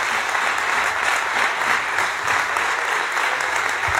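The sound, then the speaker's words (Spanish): Sustained, dense applause from a large gathering in a parliament chamber during an investiture session, in recognition of the people of Venezuela. It fills the whole stretch, steady and loud with no breaks, echoing slightly, with no one speaking over it. “Bueno, pues esos eran los aplausos de reconocimiento al pueblo de Venezuela por lo ocurrido la semana pasada.”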